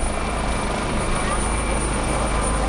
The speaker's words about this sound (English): Rescuers continue to use helicopters to lift flood survivors to safety after this week's devastating flood tore through a mountainous region on the Nepal-Tibet border.